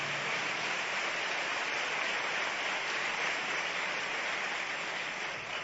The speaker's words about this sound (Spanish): Y le damos a Él aplausos. Amén.